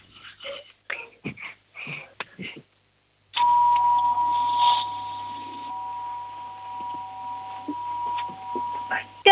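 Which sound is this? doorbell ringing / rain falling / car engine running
doorbell ringing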